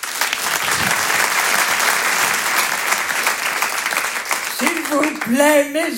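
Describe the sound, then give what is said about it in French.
Loud, sustained applause from a large audience at the Rire et chansons Comedy Club, welcoming comedian Antonia de Rendinger, with dense clapping, and near the end a voice begins speaking over the fading applause. “Je vous demande de l'applaudir très, très fort.”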